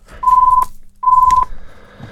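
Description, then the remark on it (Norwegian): A telephone rings with two short, steady electronic tones separated by a brief pause, fairly loud over a low background rumble. “Og der ringer det.”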